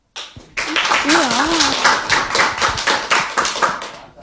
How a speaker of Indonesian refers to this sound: Wah, berikan tepuk tangan yang meriah dulu dong.